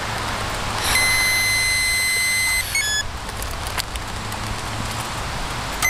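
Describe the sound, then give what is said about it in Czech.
A steady, high-pitched electronic tone sounds continuously for about two seconds, then cuts off with a brief blip, over a constant outdoor noise like passing traffic or wind. It comes from a breathalyzer as a stopped motorcyclist blows into the tube during a police breath test at the Červenohorské sedlo pass. “Můžete po dobu tónu výdech do trubičky.”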